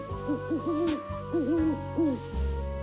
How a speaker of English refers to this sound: They sleep all during the day, and then they only come out at night time. Really? Yes. Look, an owl.